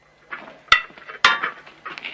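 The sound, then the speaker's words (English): Plates being gathered and stacked ready for serving, with two sharp ceramic clacks amid softer clinking and rattling of crockery, fairly loud, with no talking. “collects more plates ready for serving.”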